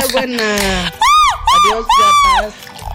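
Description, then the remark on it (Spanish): A loud Mexican grito in the 'old man' (viejito) style: three high, wavering yells that swoop up and down in pitch, rising after a brief stretch of lower voiced sound, forceful. “Échate el grito del viejito”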